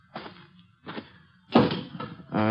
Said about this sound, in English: I saw somebody cutting up a pile of kindling over near the barn. Whoever it was sure knew how to handle an axe.